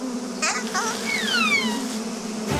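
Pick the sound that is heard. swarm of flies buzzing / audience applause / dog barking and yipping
swarm of flies buzzing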